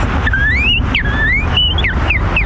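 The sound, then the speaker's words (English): A kid whistles an imitation of a northern cardinal's song, as one of the bird calls announcing the Hawks' opponents: a string of clear, slurred rising and falling notes, fairly loud, over a constant low rumble of background noise. “The northern cardinal.”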